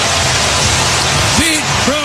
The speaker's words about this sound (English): Armstrong leads off the first inning with a long home run. His 34th of the year. Listen to this crowd.